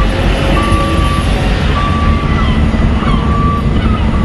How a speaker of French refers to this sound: Ici, un balai incessant de camions. Ils transportent de gros conteneurs maritimes qu'ils chargent ou déchargent sur les quais.